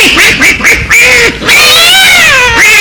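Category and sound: animal, cat meowing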